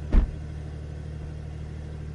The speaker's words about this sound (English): It just spins the car up straight away and starts the engine, and then you get that great sports exhaust as well.